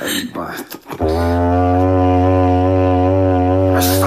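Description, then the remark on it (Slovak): A horn is blown in one long, steady, low-pitched blast with a rich, buzzing tone, held loud for nearly three seconds after a brief stretch of voices and rustling. “Už zatrúbil.”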